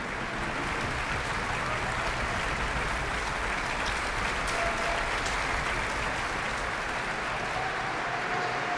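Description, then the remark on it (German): A concert audience in the St. Georgenkirche in Wismar applauds the orchestra soloists of the NDR Elbphilharmonie Orchestra at the closing concert of the Festspiele Mecklenburg-Vorpommern, a dense, even wash of clapping that holds at full strength for the whole stretch without pausing or fading, with no voices rising above it. “Beifall für die einzelnen Orchestersolistinnen und Solisten, zum Beispiel für den Konzertmeister David Raczynski, der das herrliche Geigensolo im Langsamsatz gespielt hat, die Blechbläser, die Schlagzeuger, alle sind an der Reihe.”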